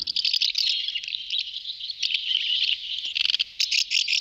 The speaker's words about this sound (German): Ja, Sie haben es ganz sicher erkannt. Das ist die Mehlschwalbe. Sie ist Vogel des Jahres 2027. Bei einer Online-Abstimmung von Naturschutzverbänden hat sie sich mit 45% der Stimmen durchgesetzt.